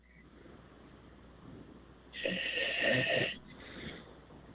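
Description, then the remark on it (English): A single loud, raspy snore from a caller in Montreal who fell asleep on the phone rises around the midpoint and fades into a softer trailing breath, all thin and band-limited through a telephone line over steady background hiss. “Let's listen to him snore.”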